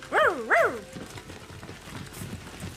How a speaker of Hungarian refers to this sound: Erre, erre! Itt egy kutya. Üldözik. Jaj, most meg bekerítették a dühös űrlények. Szegény kutya, bekerítették, már teljesen kimerült.